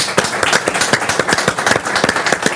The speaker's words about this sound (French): Eh ben, on peut l'applaudir, merci beaucoup.